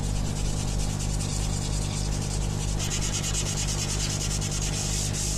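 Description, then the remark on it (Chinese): Steady, continuous abrasive rubbing of wood being sanded to make a small wooden deer as a gift, a dense gritty hiss with faint rhythmic strokes and a low steady hum underneath, no voices. “想用木头做一头小鹿送给儿子。”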